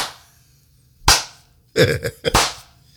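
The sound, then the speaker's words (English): Brief, loud applause-like claps come in a few uneven bursts: one sharp crack, a short cluster of smacks, then a final hit. No one speaks. “Put your hands together.”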